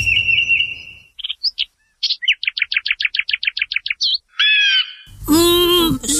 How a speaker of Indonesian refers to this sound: Di sana, ada seekor burung yang bertengger di dahan pohon itu sambil bernyanyi.